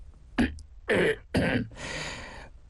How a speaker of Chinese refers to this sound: 正了正毡帽，清了清嗓子。